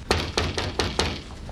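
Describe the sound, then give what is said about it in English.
Five firm knocks on a door in a quick, fairly even rhythm, each a solid wooden thud, with a low hum underneath and no voices. “Someone's at the door, Mom.”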